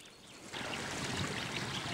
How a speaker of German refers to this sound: Überall schmelzen Eis und Schnee. Wie in ein großes Becken fließt aus allen Richtungen das Wasser in die tiefer gelegenen Regionen des Soma-Nationalparks.